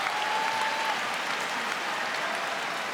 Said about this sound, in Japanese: 拍手喝采、大音量の国技館。